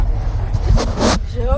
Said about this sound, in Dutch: Ja. We zitten hier in een hele knalrode bus. Je kunt misschien al een beetje raden waar we dan zitten.